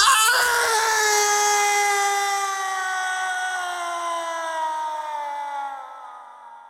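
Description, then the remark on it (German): A long, piercing, unbearable human scream rings out loud and alone, breaking the silence, holding a strained, sustained pitch that slowly sinks and fades over several seconds. “Ein unerträglich wirkender menschlicher Schrei durchdringt die Stille.”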